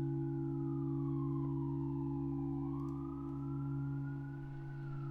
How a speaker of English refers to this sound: And no, there will not be sirens there. First day I open the window in the studio when it's nice out